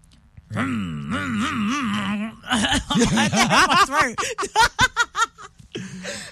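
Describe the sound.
A voice imitates a motorbike with a sustained, buzzing drone that wobbles up and down in pitch for about two seconds, followed by a stretch of choppy laughter.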